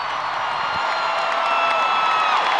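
A large concert crowd at a superstar's comeback concert in Paris gives a standing ovation, cheering and applauding in a continuous, dense roar, with whistles and shouts layered over steady clapping, loud throughout.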